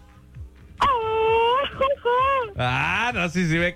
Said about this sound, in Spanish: Oye, pero ya sabes que aquí los ganadores cuando ganan se tienen que aventar un cuaco. Avéntate un cuaco. Un buen gritito. Ando bien ronco, pero a ver qué me sale.